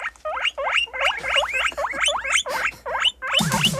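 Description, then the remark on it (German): A guinea pig squeaks over and over in a quick, steady series of about a dozen high, whistling chirps that rise and dip in pitch, fairly loud with no talking. “Es ist heute tatsächlich Welttag der Meerschweinchen.”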